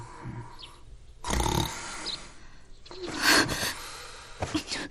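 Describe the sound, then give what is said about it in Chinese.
Loud, rough snoring comes in two heavy snorting breaths about a second and a half apart, with quieter breathing between and a shorter rasp at the end. “别打呼噜了，我让你别打呼噜了。”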